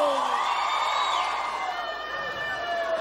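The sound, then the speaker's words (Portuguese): A crowd shouts and whoops together, a dense, sustained wall of high-pitched cheering voices that stays loud for the full few seconds. “gostou, dá um grito!”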